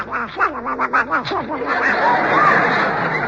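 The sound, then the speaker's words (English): A rapid run of nasal, squawky duck quacks with a wavering pitch, loud, trailing off into a longer raspy, noisy stretch. “Discussing opera with a silly duck.”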